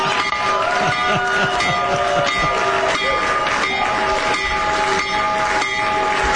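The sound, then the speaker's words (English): A stock exchange opening bell, rung by the U.S. President as the markets open, rings loudly and continuously, its steady metallic tone sustained over a noisy, bustling crowd for several seconds without pause. “When the markets open in just a few minutes, right now. Trump accounts will benefit. So ring the bell, Mr.”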